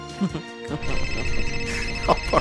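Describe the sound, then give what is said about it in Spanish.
A mobile phone's WhatsApp call ringtone plays steadily at moderate volume, a repeating electronic melody of bright tones that brightens toward the end of the short clip. “Era una de WhatsApp.”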